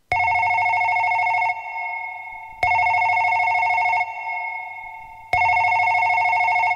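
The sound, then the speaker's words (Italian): A telephone rings loudly in three long bursts with short pauses between, a steady electronic bell tone with a rough buzzing undertone and no voices. “Talofa wa telefoni sauno mai.”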